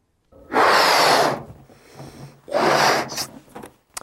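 A deep breath drawn in and then let out, two loud, airy rushes separated by a short pause, with no talking.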